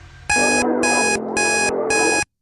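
An electronic alarm beeps loudly in four repeating bursts with short gaps, layered over a song playing underneath with steady rhythm and melody.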